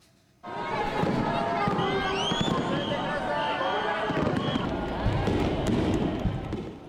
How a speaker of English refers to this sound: The bright colors of fireworks lit up the sky over Tokyo on Saturday, drawing crowds of onlookers.